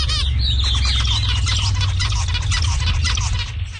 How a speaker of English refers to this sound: So one of those examples is actually the zebra finch. And in this case, the human participants actually have the opposite preferences of the birds for whatever reason.